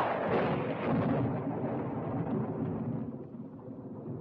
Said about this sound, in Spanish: asustan los truenos, ¿verdad que no?